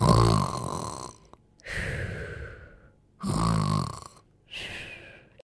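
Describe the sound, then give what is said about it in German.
Loud snoring in a steady cycle: two deep rattling inhales, each followed by a softer whistling exhale, with short silent gaps between breaths, from the story character Tarbaros, who falls over asleep right after sipping a potion in a retelling of Odysseus and Polyphemus. “Tarbaros trinkt einen Schluck und fällt sofort um und schnarcht.”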